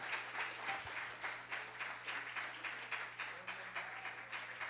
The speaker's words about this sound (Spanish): ¿Tú lo crees? Dale un fuerte aplauso en esta mañana. Aleluya.